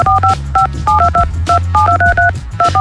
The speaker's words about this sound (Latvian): Un tieši tā kā tās podziņas tur pīkstā, tev jāpīkstina savas telefona pogas un jāzvien augšā 3 minūšu laikā kopš šī signāla dzirdēšanas ētera Viļņos